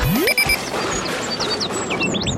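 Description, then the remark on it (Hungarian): An alarm clock rings with bright, high electronic tones, opening on a quick rising sweep, followed by a busy flurry of short chirping blips over a steady background wash, loud. “Órami pontossággal. Tiktak.”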